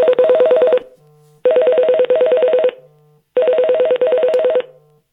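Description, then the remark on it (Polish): A phone ringtone for an incoming call plays through a speaker paired with the phone in three loud bursts, each a rapid trilling warble with short pauses between, no voices present. “I ja teraz odrzuciłem to połączenie, trzymając długo przycisk startu.”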